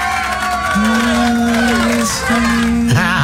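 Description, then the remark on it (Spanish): A loud, continuous crowd noise of long, drawn-out voices with sliding pitches, sounding more like mournful wailing than applause, filling the whole moment without a break; applause used as a background sound effect on a radio show. “Oye, con ese sonido de fondo, en lugar de aplausos parecen lamentos.”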